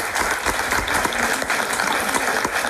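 An audience applauds a contestant steadily, a dense wash of many hands clapping at a constant, fairly loud level with no voices standing out.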